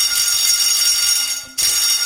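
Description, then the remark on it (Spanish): A loud, continuous electric school alarm bell in the province of Castellón rings with a harsh metallic clatter, briefly cutting out near the end before resuming, sustained with no voices; schools are suspending classes during a red weather alert. “Son las alarmas de los colegios y es que muchos municipios de la provincia de Castellón ya están tomando esa decisión de suspender las clases a partir de este mediodía y durante toda la alerta roja hasta que esta alerta esté activa.”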